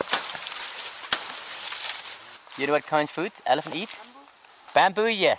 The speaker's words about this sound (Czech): Perla nejdřív chobot omotá okolo větví bambusu, tak si ho stáhne dolů, přišlápne nohama a začne ho požírat.